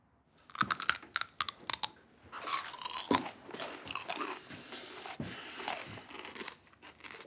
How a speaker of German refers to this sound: Die Geräusche, die sie beim Kauen machen, kenne ich nur aus dem Zoo. Oh, bin ich zu laut? Ich höre es in meinem Büro.